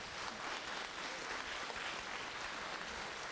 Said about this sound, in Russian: Я вас еще раз прошу поаплодировать эту.